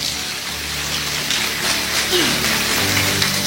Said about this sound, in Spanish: Démosle un fuerte aplauso a papito Dios.